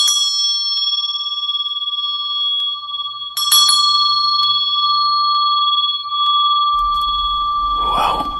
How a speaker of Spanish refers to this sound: El otro extremo del hilo se ataba a una campana que quedaba en la guardia, de manera tal que si la persona se movía y reaccionaba, iba a hacer sonar la campana.